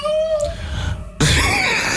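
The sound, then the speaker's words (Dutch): A person mimics cats yowling, imitating their own cat and the neighbour's tomcat in the garden. It starts with a thin, wavering whine, then breaks into a loud, raspy screeching yowl that carries on to the end, without other talk. “Onze poes en de buurmans kater.”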